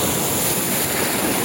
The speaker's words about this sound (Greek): Ήχος θάλασσας. Ήχος θάλασσας, ε. Θαλασσάκι.